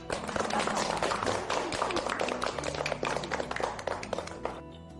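A group of students applauds a craftsman's work during a visit to a Chinese writing-brush (Hubi) workshop, many hands clapping in a dense, continuous patter that stays fairly loud throughout before thinning slightly at the very end.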